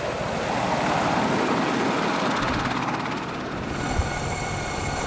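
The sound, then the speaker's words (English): An Apache Longbow attack helicopter flies by, its loud, steady turbine roar mixed with a rapid rotor chop that holds constant throughout, with no voices. “One reason the Apache Longbow is so effective as an attack helicopter is that different detection and information processing technologies have been integrated into a single aircraft.”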